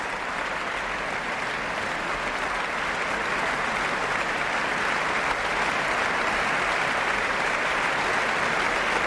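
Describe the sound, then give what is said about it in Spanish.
Sustained, dense applause from a large audience and the standing orchestra members, who applaud conductor Josep Pons as he steps up to the podium, a steady wash of clapping for several seconds without pause or voices. “Los profesores de la orquesta aplauden al maestro, que sube al podio y recibe esta aclamación.”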